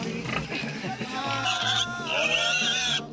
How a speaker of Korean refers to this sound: 토실토실 귀여운 아기 돼지가 손님을 맞아줍니다. 어우, 돼지네요. 와, 새끼들이랑.